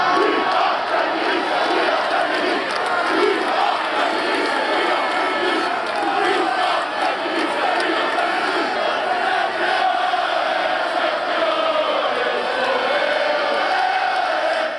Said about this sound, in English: Coventry are celebrating their return to the Premier League with a huge party and an estimated 50,000 people taking to the streets of the city